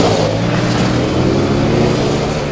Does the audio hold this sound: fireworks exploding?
no